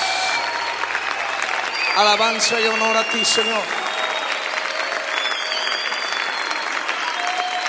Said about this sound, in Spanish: aplaudimos a ti, Señor. Te aplaudimos a ti, Jesús.